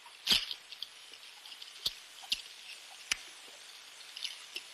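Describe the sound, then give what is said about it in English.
A few short, squeaky quack-like bursts recorded underwater around a submarine and played from a Navy tape recording, scattered irregularly over a steady faint hiss. The first is the loudest; the rest are brief and sharp, with no voices. “It sounds a bit like a few Donald Ducks at a very long distance.”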